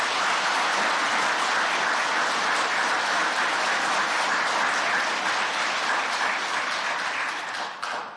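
Sustained audience applause of comfort and encouragement for bereaved families at a ceremony, a dense, steady wash of many hands clapping at a loud, even level for about eight seconds before tapering slightly at the end, with no talking.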